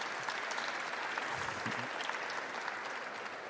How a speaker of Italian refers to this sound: Alla mia sinistra Gabriele Fava, che è presidente dell'INPS. Chiedo un applauso uno alla volta, se lo meritano.